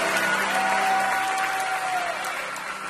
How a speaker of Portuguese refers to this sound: Pode aplaudir o senhor.